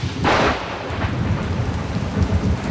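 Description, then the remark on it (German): Steady, hissing rainfall pours down, with a deep rumble of thunder rolling underneath and a brief brighter burst near the start. No voices are heard. “Und dazu Erfrischung. Dieses Mal einen Regen.”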